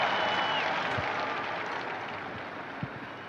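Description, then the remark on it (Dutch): A large crowd applauds steadily as the Pope appears on the top floor of the Apostolic Palace on Trinity Sunday, a dense wash of many hands clapping at once that holds at an even level throughout. “Applaus weer klinkt, daar komt de Heilige Vader.”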